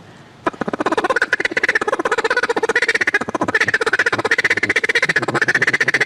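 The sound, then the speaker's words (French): A duck call blown in a fast, unbroken stream of short nasal quacks, imitating a courting female mallard; the rapid chatter starts abruptly and holds a steady, loud rhythm for several seconds. “Encore plus dur, c'est le canard qui va au gagnage ou la femelle col vert qui est en fait en train de faire du charme à son mâle.”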